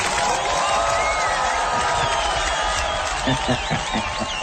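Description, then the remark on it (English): Steady, loud applause from a crowd fills the whole stretch, with scattered whistles and cheers rising above the clapping and a few voices mixed in toward the end. “Here's some applause for you.”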